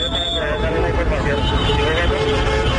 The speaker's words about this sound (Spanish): Tráfico vehicular hacia el norte y hacia el sur. Claramente es un poquito más pesado hacia el sur.